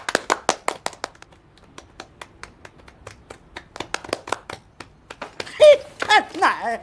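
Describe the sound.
Scattered, uneven hand claps from a small group ring out for several seconds at the opening of the founding meeting of a peace preservation committee, thinning as they go, before a voice starts talking near the end.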